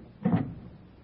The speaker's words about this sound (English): a woman walks down the street, up the steps to number 644, takes out a latch key, opens the door, and walks into the apartment as the clock strikes 8.